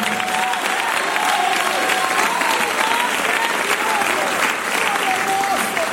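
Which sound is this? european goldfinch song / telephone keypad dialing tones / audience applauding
audience applauding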